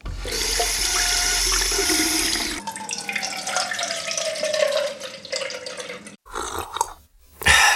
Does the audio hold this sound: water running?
yes